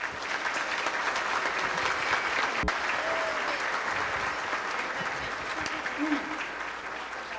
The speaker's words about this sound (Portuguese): À tarde já tivemos beijo de 5 casais, agora de mais 3. Nós vamos saudá-los enquanto receberão beijo jubilar do seu esposo. Nós vamos saudá-los com uma salva de palmas. Coragem.